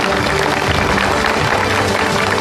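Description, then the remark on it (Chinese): An audience applauds steadily as three guests are welcomed onto the stage, a dense, continuous wash of many hands clapping at an even, fairly loud level throughout, with a faint low tone humming beneath it. “掌声有请出今天的3位嘉宾。”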